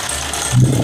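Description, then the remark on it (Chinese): A short mechanical whirr and rattle from an electric mahjong table at home as its dice spin during a demonstration, growing louder and heavier partway through, fairly loud with no talking. “夸一打骰子起，”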